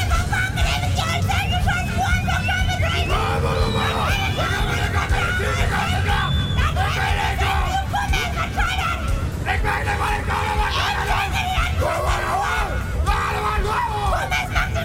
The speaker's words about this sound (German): Die Bunkinale erfreut im Spätsommer die Zuschauer aus nah und fern. Ist sie doch mittlerweile zum größten Mundart-Schrei-Festival Europas geworden.